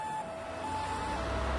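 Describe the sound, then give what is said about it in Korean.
An ambulance siren holds a steady, piercing tone over a low engine rumble that swells toward the end as the ambulance races past very fast. No one speaks. “구급차다!”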